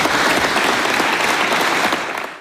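Sustained applause from a large crowd for Emmanuel Macron after his speech to Les Bleus, dense and steady clapping filling the space, holding loud for a couple of seconds before starting to fade out.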